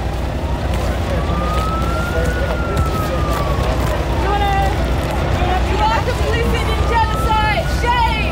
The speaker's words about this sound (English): Oh, here comes fire truck! Here comes fire truck!